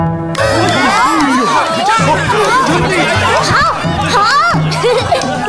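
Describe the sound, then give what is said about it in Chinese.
An audience at a storytelling performance cheers for the storyteller, many voices calling out at once in a loud, steady swell of overlapping shouts and excited chatter that holds for several seconds. “我是在为说书人叫好。”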